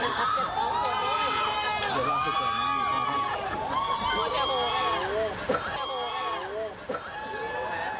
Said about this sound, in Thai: นายกไปลงพื้นที่ผมฟังไม่ชัดว่าชาวบ้านตะโกนว่าอะไรคุณผู้ชมช่วยคอมเมนต์กันมาหน่อยได้ไหม ครับ แล้วผมพยายามฟังแล้วฟังไม่ชัดลองคอมเมนต์กันมาหน่อย มีชาวบ้านที่เขาอยู่ตามตึกเนี่ยค่ะคุณผู้ชมลงมาต้อนรับนายกไม่ได ้ครับ ก็เลยอยู่ตรงระเบียงแล้วก็ตะโกนต้อนรับนายก